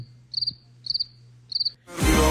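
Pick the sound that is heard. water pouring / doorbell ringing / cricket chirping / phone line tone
cricket chirping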